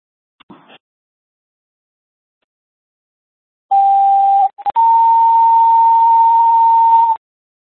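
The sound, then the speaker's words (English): Two-tone radio dispatch alert from a fire department comm center, sent as tones during a radio check: a steady mid-pitched tone holds for about a second, then after a tiny gap a slightly higher tone sounds for over two seconds, loud and clear, after a brief click. “Comm Center Mirable Fire, how do you copy tones?”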